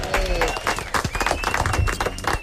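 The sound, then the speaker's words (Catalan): A crowd bursts into applause, many hands clapping densely and steadily throughout, with faint voices and cheering mixed into the noise. “Molt bé, un aplaudiment.”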